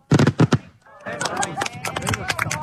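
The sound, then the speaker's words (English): Three loud fireworks blasts in quick succession, followed by a continuous stretch of crackling pops and whistling tones with what may be faint crowd voices underneath, marking America's 250th anniversary over Grand Island, Nebraska. “According to the Nebraska Corn Board, a corn-based binder called dextrin helps control the timing of fireworks.”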